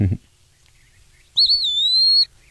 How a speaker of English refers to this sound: So the Eastern Wood Peewee is kind of cool. I'm kind of pausing just in case he's going to sing here. They're just one of only a few birds. It's going to come blaring in my... There he is.